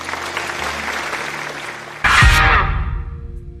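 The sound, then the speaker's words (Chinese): Steady studio audience applause for two doctors on an Inner Mongolia TV health programme fills the first two seconds, then surges louder with a brief musical sting before tapering off and fading out by the end. “把掌声送给两位。”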